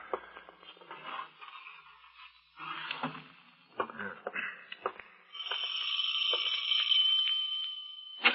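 After a few seconds of scattered clattering and scraping, a doorbell rings in one long, steady, buzzing peal, fairly loud, with no one talking.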